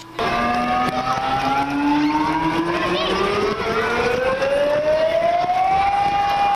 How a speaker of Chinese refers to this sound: 上午10点，演练正式开始，校园广播下达应急疏散指令，急促的警报声瞬间响彻整个校园。